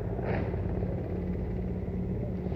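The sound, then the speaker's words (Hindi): A steady, heavy low rumble of Indian Air Force Mi-17 helicopters passing overhead, showering flower petals over the ramparts of the Red Fort, loud and continuous with a faint rhythmic throb beneath, filling the whole moment without any voices. “और इस समय आकाश में जो स्वर हमें सुनाई दे रहे, ध्वनि सुनाई दे रही है, वो उन हेलीकॉप्टर्स की है जो पुष्प वर्षा करते हुए लाल किले के प्राचीर के ऊपर से गुजर रहे हैं और लोगों की निगाह उसी आसमान की तरफ है।”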